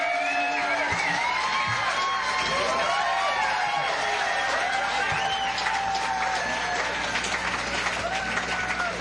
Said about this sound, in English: Another round of applause for …, y'all.